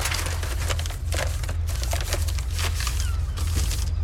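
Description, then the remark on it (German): Continuous crinkling and rustling of paper as a crumpled newspaper taken from a wastepaper basket is pulled open, with sharp crackles scattered over a steady low hum and no voices. “Da ist doch nur Müll drin. Und eine zerknüllte Zeitung.”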